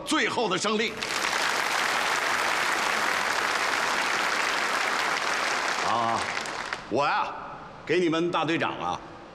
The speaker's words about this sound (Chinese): 你们再给他们鼓掌，对不对？